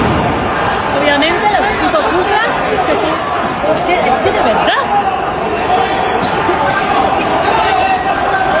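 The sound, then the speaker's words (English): Police tear gas launchers fire a few dull, scattered pops and thumps, shooting tear gas and pepper spray projectiles into a protest crowd, amid the loud, continuous roar and chatter of the large crowd, with one sharper bang standing out midway. “you are hearing are not live round shots, at least that we know of so far, but they are the shots of police firing tear gas and other pepper spray projectiles and stuff into the crowd, perhaps rubber bullets being used, although that's not confirmed.”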